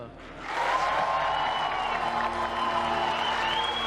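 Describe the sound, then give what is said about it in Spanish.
An audience breaks into sustained applause that swells within the first half second and holds steady and loud, a dense wash of clapping with some crowd noise mixed in, as Minister of Environment Marina Silva is invited onto the stage to receive honours. “Ahora, con un caluroso aplauso, invitamos a la señora Marina Silva, ministra de Medio Ambiente, a subir al escenario para recibir los honores.”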